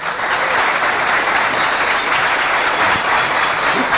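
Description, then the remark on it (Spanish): A church audience claps for Jesus together in sustained, dense applause, a steady loud wash of many hands that holds evenly for several seconds without a break. “Le damos ese aplauso poderoso a Jesús.”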